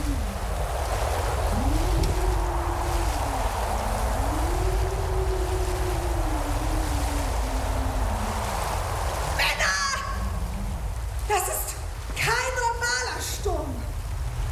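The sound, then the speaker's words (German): A rough, stormy sea roars steadily with rushing waves and howling wind around a ship, while a voice speaks over it and a few louder shouts break through near the end. “Pennt er hier bei einem Wetter?”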